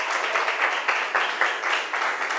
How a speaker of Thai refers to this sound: ค่ะถือว่าถูกต้องนะคะเก่งมากๆเลยปรบมือให้กลุ่มที่สองอีกหนึ่งครั้งค่ะ